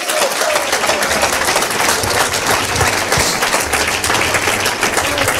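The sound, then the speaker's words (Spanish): A church audience claps hands steadily for several seconds as an offering of applause to the Lord, a dense, continuous wash of applause at even loudness with no pauses, and a low murmur of voices underneath. “Que le ofrenda de palmas al Señor en esta hora.”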